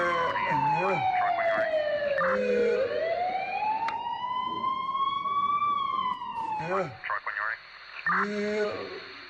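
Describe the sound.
An ambulance arrives, its siren wailing loudly and steadily, the tone sliding down and then slowly climbing back up, while voices talk intermittently over it.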